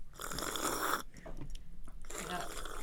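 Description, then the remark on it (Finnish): Loud crunching and chewing of an apple in two noisy bursts, one at the start and one near the end, with a quieter, scrappier stretch of mouth sounds between them. “Mitä te syötte nytte? Omenaa ja omenaa.”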